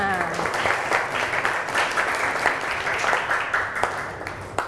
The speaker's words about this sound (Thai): มีกลุ่มไหนคะที่จะตอบเพื่อนตอบแล้วเมื่อกี้ปรบมือให้เพื่อนก่อน